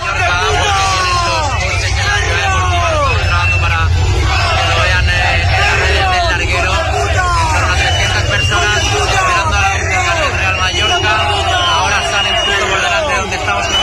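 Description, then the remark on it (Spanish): About 300 angry Mallorca football fans, waiting for the players at the team bus after the club's relegation, shout insults and jeer, many overlapping voices forming a loud, continuous roar of yelling, with a low rumble of traffic or engines underneath. “pero el autocar de la salida, tenían los coches en la ciudad deportiva, sonaba así con alrededor de 300 personas esperando a los jugadores, ¿eh?”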